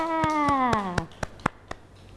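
Children clap in a steady, even rhythm, about seven sharp claps in quick succession, while a high, sliding tonal sound plays over the first few claps before fading away.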